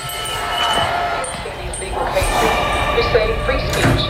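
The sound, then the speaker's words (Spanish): Scissors are being sharpened by actor Javier Bardem in audio from a Greenpeace campaign: a few metallic scraping strokes with a bright ringing tone, fairly loud and steady, over a constant noisy background. “Ese sonido metálico de afilar en redes, es Javier Bardem afilando unas tijeras.”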